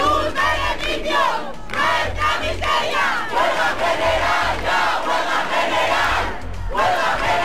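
A large protesting crowd, camped for days in the Puerta del Sol, gathers at the doors of Spain's Congress during a parliamentary vote. It roars continuously, many voices shouting and chanting together in a dense, loud wall of sound with rhythmic surges and no single clear speaker.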